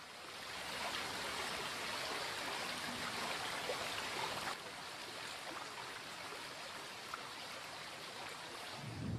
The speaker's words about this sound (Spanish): Ocupado por las nieves durante largas temporadas, Astún es un valle recoleto de singular belleza, que se olvida de los esquiadores cuando la nieve se deshace en arrolladores torrentes.